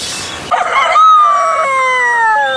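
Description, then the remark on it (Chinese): A hen that has just laid an egg lets out a loud cackle: a short raspy burst, then one long drawn-out call that slowly sinks in pitch. No voices are heard. “是鸡，母鸡，刚下蛋的母鸡。”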